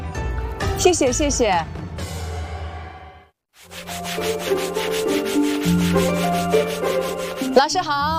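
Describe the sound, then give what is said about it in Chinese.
Steady, rough rubbing of sanding and polishing a horn comb in Fuzhou, China, a craft known as one of Fuzhou's Three Treasures; fairly loud, pausing briefly partway through before resuming. Voices and tonal sounds run underneath. “我们在打磨牛角梳，福州三宝之一的角梳。”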